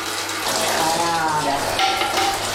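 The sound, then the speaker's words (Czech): Whey drains from fresh curd (tvaroh) and pours and trickles steadily into a bucket, a continuous splashing gurgle with shifting watery tones, fairly loud and uninterrupted throughout. “Takže nic nepřijde na zmar, už nám syrovátka stéká do kýble a ten tvaroh je takový vláčný, pěkně vidět, že je tučný.”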